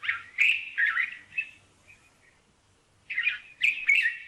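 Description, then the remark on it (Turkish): A white-spectacled bulbul gives bright, bubbly chattering calls in two bursts separated by a brief pause, with rapid liquid warbled notes and sharp upward chirps, fairly loud with no voices. “Gerçekten Arap bülbülünü bilenler bilir.”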